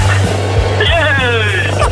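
A steady, rough car engine drone with rhythmic knocking thumps and a wavering whine, from a caller's car heard over a phone call, sounding compressed and muffled.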